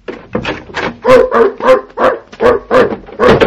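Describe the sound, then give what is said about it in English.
A dog a little bigger than a toy poodle barks loudly in a quick, steady run of about nine or ten sharp, mid-pitched barks, each coming right after the last with no voices in between. “No, it's a little bigger than a toy poodle.”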